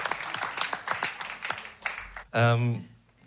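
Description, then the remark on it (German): A brief round of audience applause at a band's concert, loose overlapping claps for about two seconds, then a sudden loud voice, shouting or speaking with a strong pitched tone, cuts in as the clapping fades. “Trotzdem, bitte Applaus für euch, dass ihr da seid.”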